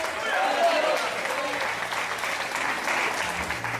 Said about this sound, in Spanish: Fuerte ese aplauso sea para el Señor en esta hora. Alábelo.